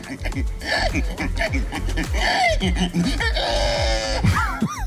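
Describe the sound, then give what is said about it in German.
A person, the winner of a pig-imitation contest in Estonia, does a loud pig impression: a rapid run of guttural grunts and snorts that rise into squealing, strained oinks, continuing without pause for several seconds. “Nämlich, es ging darum, wer am besten ein Schwein nachmachen kann.”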